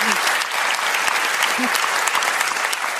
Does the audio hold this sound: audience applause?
yes